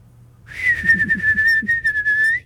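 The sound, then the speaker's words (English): A person whistles into the mic a sustained, slightly wavering tone imitating a bird call, lasting about two seconds with faint background murmur underneath. “see which bird call is better”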